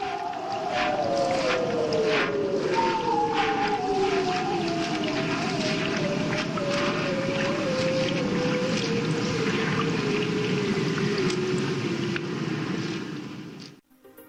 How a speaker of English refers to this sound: But let's leave you with more of that haunting sound of the bearded seals.